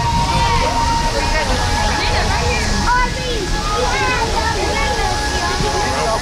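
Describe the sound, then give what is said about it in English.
A dense, continuous murmur of a night crowd of families and friends on the bridges and riverbanks by the Keeper of the Plains in Wichita, watching the ring of fire, steady and fairly loud, layered over a constant low rushing wash of the river and the roar of the burning fire. “Some groups chatter, but others watch silently. The fire, the river, and the keeper of the plains, and the Wichita skyline in the background.”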